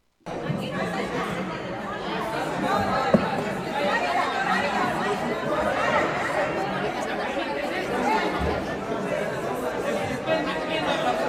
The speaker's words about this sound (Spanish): Hay un griterío dentro de la Asamblea Nacional. Lo que están viendo es, por supuesto, a los asambleístas gritarse y se empiezan a reclamar,